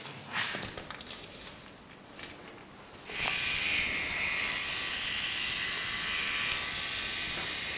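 A few quiet clicks and rustles, then a tattoo machine with a broader needle switches on about halfway through and keeps up a steady, high-pitched electric buzz to the end as it fills in the background areas of a tattoo, with no one talking.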